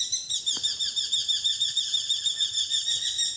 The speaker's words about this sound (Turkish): Bu programda kullandığımız kuş seslerinden Derece Doğan'ı Alper Yelimilli Eş İstanbul'da, Alaca Aşk Akın'ı Kuzey Cem Kulaçoğlu Ankara'da, Flamingo'yu Enes Kasapoğlu Konya'da, Çapraz Gıgı'yı Mehmet Koşa Kayseri'de